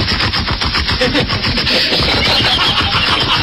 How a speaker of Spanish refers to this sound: Bajan los pedalines y dejan las motos moderando ahí.